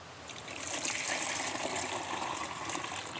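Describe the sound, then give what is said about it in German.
Liquid manure containing rock flour, about one litre, is poured steadily into a container, a continuous splashing trickle with a bright, hissy sheen that holds fairly even for a few seconds, with no voices over it. “So, dann können wir davon jetzt, ich mache es mal hier rüber, weil sonst oft daneben gießen, 1 Liter abgießen.”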